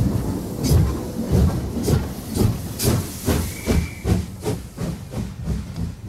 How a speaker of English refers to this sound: The train now departing from HFM is the Mole Train.